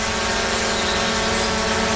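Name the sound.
drone buzzing in flight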